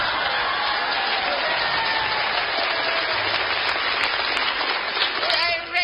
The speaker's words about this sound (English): Signal the applause. Please. I have drunk my fill of the clapping.